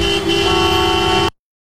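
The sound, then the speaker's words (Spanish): A loud car horn blares in one sustained, steady blast of just over a second in a traffic jam in China, with a dull traffic rumble underneath before it cuts off abruptly into silence. “Si lo que tienes delante es la matrícula de otro coche, es porque estás en el atasco.”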